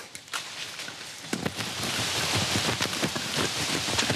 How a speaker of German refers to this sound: Alter Schwede, es regnet.